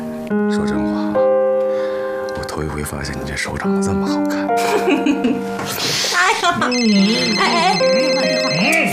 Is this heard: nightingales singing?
no